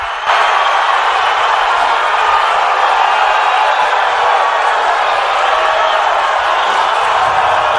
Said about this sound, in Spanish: Convocó finalmente Carlo Ancelotti a Neymar. Estos aplausos son para la convocatoria de Neymar. Suponemos que si no hubiese hecho Neymar hubiesen sido pitos, porque la gente estaba enloquecida.